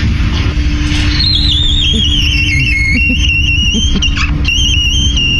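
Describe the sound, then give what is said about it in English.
A squeaky door creaks in a long, thin, high-pitched squeal that slowly slides downward in pitch with a few wavering jumps, over a steady low rumble. “But people have been sending us their squeaky doors too, which we just love.”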